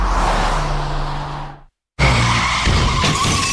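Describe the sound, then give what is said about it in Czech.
Loud car tires screech in a long skid that cuts off abruptly into a brief silence, followed by a dense burst of crashing, scraping noise as the car is wrecked. No voices. “Tak a je to totálka.”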